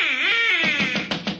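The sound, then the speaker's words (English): A reedy duck call, used to lure ducks by imitating a duck's mating call, is blown. It starts with a wavering drawn-out note and breaks into a quick series of raspy quacking bursts, with no voices. “That noise was a duck call, Alice.”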